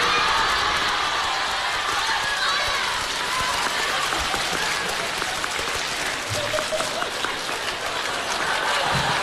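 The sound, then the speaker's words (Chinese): Sustained applause from a sizable audience, a dense, steady wash of many hands clapping at once, loud and continuous throughout with faint voices mixed into the crowd. “哎，掌声热烈，给个来个大伙来个小绝活啥的”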